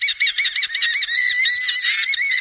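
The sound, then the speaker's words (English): A hawk calls loudly, starting with a quick run of shrill, pulsing notes that stretch into one long, sustained cry, with no voices or other sounds. “The answer is a hawk.”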